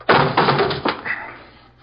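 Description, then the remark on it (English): A door is kicked open by police officers: a heavy bang followed by a few more crashing thuds in quick succession, loud, then fading to a short rattle. “Kick the door open.”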